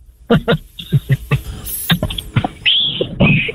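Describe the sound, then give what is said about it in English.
A neighbor does a fake whistle: two thin, high, sustained tones at the end, the second slightly longer, following a run of quick, clipped vocal bursts. “Oh, you just did a fake whistle.”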